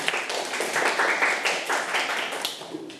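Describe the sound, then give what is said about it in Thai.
A group of schoolchildren clap for a classmate at their teacher's request, a dense, steady patter of many overlapping claps at moderate loudness for a few seconds without anyone speaking. “เก่งมากค่ะนั่งลงได้ค่ะเด็กๆปรบมือให้เพื่อนค่ะ”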